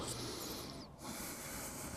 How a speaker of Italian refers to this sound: E sento il respiro.